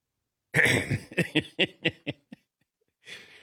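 A loud throat clearing played as a sound drop: a harsh opening rasp followed by a quick run of shorter, fading guttural pulses, then a brief breathy exhale after a pause.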